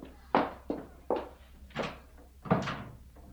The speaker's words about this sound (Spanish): Y Elisa salió. No dio un portazo, aunque mamá le sonó como tal.